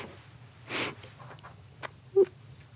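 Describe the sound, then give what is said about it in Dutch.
A person demonstrates sniffing, imitating a mother's sniff kisses: one strong, airy sniff, then a few faint short breaths and a brief nasal squeak, with no talking. “Mijn mama gaf geen kusjes, die gaf snufjes. Ja. Yeah. Die snufte zo.”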